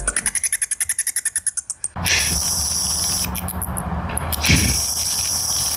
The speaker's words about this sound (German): Fledermäuse sind ja faszinierende Tiere. Sie bewegen sich lautlos durch die Dunkelheit, schlafen tagsüber und haben eine Echoortung, so etwas wie ein Hightech-Radarsystem. So hören sie Fledermäuse übrigens an.